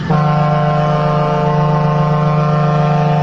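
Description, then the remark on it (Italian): A single loud, sustained horn blast with a deep, steady tone and strong harmonics, starting abruptly and holding at full volume throughout, like a ship or truck air horn. “Volevo mandarti questa trombata perché te la meriti tutta.”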